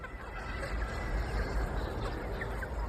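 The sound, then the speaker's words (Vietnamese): A dense, steady chorus of many laying hens clucking at once, a constant murmur of overlapping bird calls with no single voice standing out. The sound comes from some 50,000 hens in a closed housing system on a 1.4-hectare farm in Tien Minh commune, Hai Phong, Vietnam. “ở xã Tiên Minh, thành phố Hải Phòng đang nuôi 50.000 con gà đẻ trứng.”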